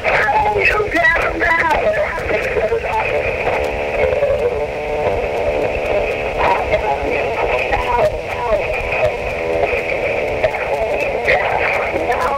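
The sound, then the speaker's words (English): A radio broadcast plays through a telephone line, thin and tinny with the lows and highs cut off, a steady, fairly loud stream of muffled voice and tonal sound running without pause. “I just had to let you know what phone is on the radio right now.”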